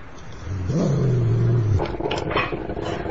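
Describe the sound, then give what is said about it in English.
A dog lets out a single low, drawn-out vocal sound lasting about a second, fairly loud, followed by rustling background noise. “It's a dog.”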